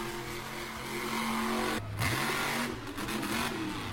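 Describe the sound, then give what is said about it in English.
The engine of the King Sling Competition Monster Truck revs loudly, its deep roar climbing and dropping in pitch several times across a few seconds, with no one speaking. “I am coming to play Monster Trucks with you guys at the Eastbound Speedway with the all-new King Sling Competition Monster Truck.”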